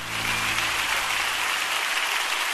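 Steady, dense applause from a crowd, a continuous wash of many hands clapping at an even loudness throughout, with no voices rising above it.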